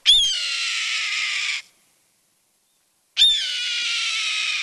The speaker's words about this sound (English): Yup, that's the cry of a red-tailed hawk soaring overhead.